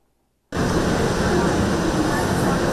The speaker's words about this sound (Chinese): 火车进站带来些许凉意，但车厢要是没冷气，那可就难熬了。